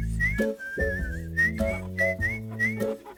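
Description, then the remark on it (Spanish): Someone whistles a lilting melody of short rising and falling phrases, clear, over sustained low instrumental chords that shift every half second or so. “Era el sonido del silbido. Todos estaban silbando por una razón u otra.”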